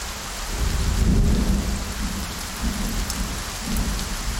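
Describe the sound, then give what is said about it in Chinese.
Heavy rain from a widespread local rainstorm pours steadily while deep thunder rumbles underneath, swelling loudest around the middle and rolling again near the end. No voices are present. “本地普降大到暴雨，最大降雨出现在九道港。”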